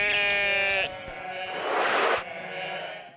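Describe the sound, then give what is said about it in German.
A sheep lets out a loud, wavering bleat lasting under a second, followed by a broader, rougher bleat and some fainter noise, with no talking. “Komm hier, Schaf, komm.”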